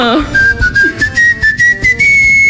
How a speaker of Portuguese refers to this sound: Então, por exemplo, fala, ó, vou assobiar aqui o hino do Brasil. Gente, ainda bem que é só áudio. O hino do Brasil. Você não precisa ver o rosto dele. Vou assobiar o hino do Brasil.